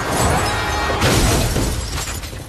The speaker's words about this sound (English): Below, Yurik drives up to the cathedral. Bullseye smashes head first onto his windshield.